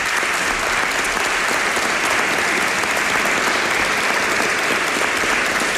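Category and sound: crowd, audience applause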